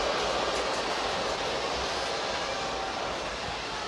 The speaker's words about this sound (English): Crowd very unhappy.